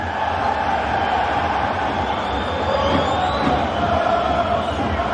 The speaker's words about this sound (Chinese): 但是看裁判怎么吹罚，现场观众的这个应激反应呢，是来自于可能认为鲁夫斯推人了。